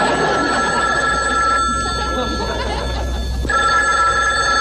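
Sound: telephone bell ringing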